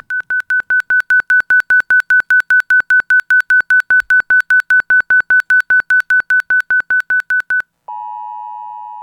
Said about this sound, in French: C'est le signal d'un flash flood. Un flash flood ou une crue éclair, ça se définit par une montée rapide des eaux, généralement en quelques heures, après une pluie très intense ou un événement déclencheur particulier.